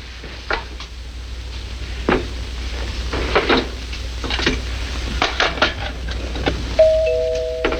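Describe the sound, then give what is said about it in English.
Clinking dishes and stirring clatter, then near the end a doorbell rings out clearly: two sustained, ringing tones that linger over the background noise. “Paul, answer the door!”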